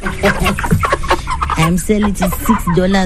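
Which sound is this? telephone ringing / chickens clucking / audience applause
chickens clucking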